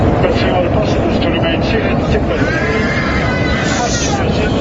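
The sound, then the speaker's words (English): Loud, frantic screaming from many passengers fills a passenger jet cabin as the plane plunges more than 14,000 feet in under 30 seconds, voices overlapping in panic over a constant roar of engine and wind noise and a faint announcement to fasten seatbelts. “Passenger screams, drowning out a faint announcement to fasten seatbelts.”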